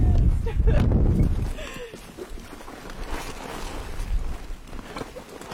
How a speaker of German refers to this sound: Wer schon mal draußen aufgenommen hat, der oder die weiß, Wind und Mikrofone sind leider nicht so die besten Freunde. Das ist schon sehr windig.